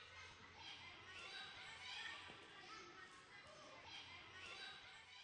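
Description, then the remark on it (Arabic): A child running and playing in a hospital corridor, footsteps thudding steadily amid lively young voices and a constant reverberant hubbub, fairly loud throughout. “تعال تعال تعال، تقعد تركض الممرات.”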